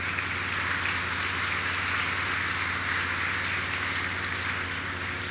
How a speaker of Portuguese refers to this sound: Agradecendo também a ele desde já pela presença paterna em nosso meio, ao clero e ao nosso bispo, uma calorosa salva de palmas.